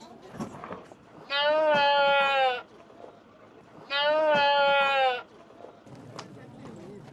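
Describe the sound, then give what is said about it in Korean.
Two long, loud, wavering bleats from sheep or goats at a livestock market, where animals are brought on trucks in a parking lot to be sold, separated by a short pause, with a low murmur of market crowd noise and faint voices underneath. “저 양은 팔렸나 봐요. 저 염소는.”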